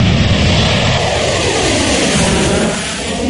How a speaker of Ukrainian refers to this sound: Російські бомбардувальники Ту-95 та китайські Н-6К разом патрулюють у Тихому океані. Їх супроводжують винищувачі, летять, зокрема, над Японським морем.